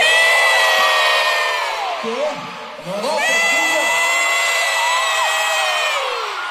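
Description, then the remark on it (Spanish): A huge stadium crowd in Chile roars with sustained cheering, whoops and high-pitched screams, dipping briefly in the middle before surging back to a loud, dense wall of yelling. “Se vino abajo el estadio ahí, Chile, el mejor país de Chile.”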